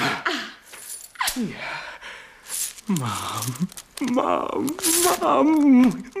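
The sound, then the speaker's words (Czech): Metallic jingling of gold coins shaken in two stuffed bags, in a couple of bright, rustling bursts, while people talk over and around it. “Dva nabucané sáčky plné žluťásku, pane Rastyňaku.”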